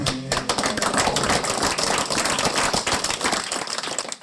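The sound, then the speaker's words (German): A group of race participants applaud themselves, clapping steadily for several seconds, a dense, crackling wash of many hands at fairly even loudness, with no voices standing out. “Erstmal, also ich würde sagen, erstmal einen riesen Applaus an uns alle.”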